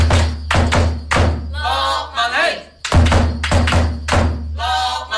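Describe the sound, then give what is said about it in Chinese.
Loud, booming drum beats strike in a steady, roughly half-second rhythm, pausing briefly midway, while members of the Foshan football team Guominxing shout and chant along between the hits. “好啦，响啲鼓啊，响啲声嚟听下先。”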